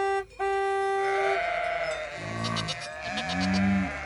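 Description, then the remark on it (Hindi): A steady, buzzy tone opens, then goats on a road bleat twice in wavering, nasal cries, the second one longer and louder, with no talking. “रास्ते की सब बकरियाँ और गायें दूर हट जाती हैं।”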